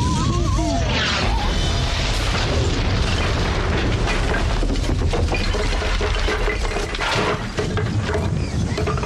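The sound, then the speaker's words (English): Cannon blasts boom amid a loud, chaotic roar of rumbling and clattering that fills the whole stretch, with no clear pauses and no voices. “You couldn't hit me with a... cannon? Hey, everybody! He's got a cannon!”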